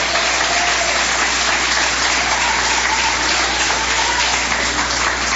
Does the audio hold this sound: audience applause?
yes